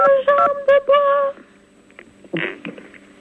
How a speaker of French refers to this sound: Alors, donc la question, merci pour celui qui s'amuse avec cette touche de... téléphone.